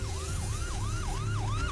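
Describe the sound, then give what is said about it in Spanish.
A police patrol car siren yelps in quick, repeating rising-and-falling sweeps, loud, over a low rumble of engine and traffic noise. “La patrulla ya está ahí.”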